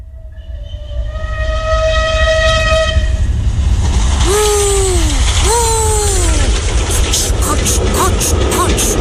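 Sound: train running on rails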